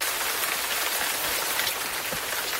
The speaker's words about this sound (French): Mais il y a aussi la pluie tropicale dont vous m'avez parlé, Jeanne Vintram. Cette fois-ci, la pluie équatoriale, elle peut être aussi douce et parfois aussi ravageuse.